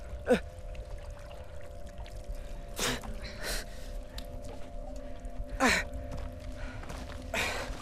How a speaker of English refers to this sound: Schofield's pouring water into his eyes. Dust. So much dust in my eyes.